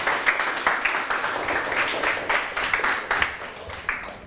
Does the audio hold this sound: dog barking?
no